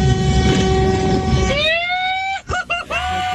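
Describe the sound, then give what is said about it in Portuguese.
A loud vehicle horn sounds a long, sustained blast, then breaks into a few quick honks in succession over steady engine and road rumble, as drivers join a horn-honking protest. “Pega essa buzina aí!”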